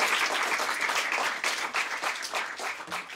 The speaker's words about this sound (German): Ja, Applaus, Applaus. Das werdet ihr nachher bei den Tiny Desk-Konzerten noch häufiger hören.